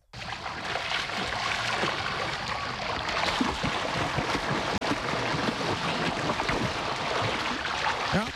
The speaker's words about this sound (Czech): Je pro někoho obyčejná voda, pro nás ostatní znamení, že na brněnských koupácích startuje sezóna.